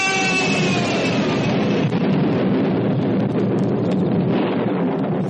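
A loud, sustained crash of thunder rolls on as a heavy, dense roar for several seconds, with no voices or pauses, only continuous booming rumble.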